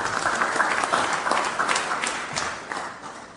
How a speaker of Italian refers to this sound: onorevole Alessandra Locatelli, che ringraziamo con un grande applauso.